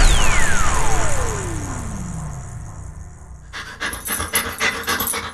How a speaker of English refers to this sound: To some, this might sound like a typical family dog. But at Dog Chow, we know that for a veteran suffering from PTSD, this could be the sound of life-saving therapy.